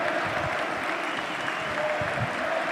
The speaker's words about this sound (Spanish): Sale Lewandowski a aplaudir.